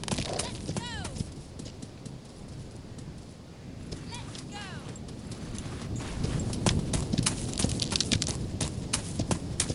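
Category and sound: animal, horse walking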